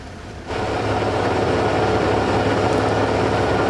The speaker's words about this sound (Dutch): Het rochelende geluid van Formule 1 motoren die stationair draaien.